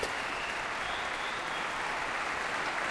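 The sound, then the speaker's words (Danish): Sustained, dense standing ovation from a large concert audience for pianist Lang Lang after Rachmaninoff's Piano Concerto No. 2 in C minor, a steady wash of many hands clapping at once with no pauses, loud and continuous throughout. “Der bliver klappet og klappet og klappet. Og folk bliver stående op og klapper.”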